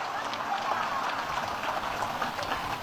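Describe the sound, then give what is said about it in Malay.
A crowd applauds the paskibraka (flag-raising troop) for carrying out their duty well that day: a dense, steady wash of many hands clapping at once with a bright, crackling texture that holds at an even loudness for about three seconds. “Dan beri tepuk tangan yang meriah untuk paskibraka kita hari ini yang sudah menjalankan tugas dengan baik.”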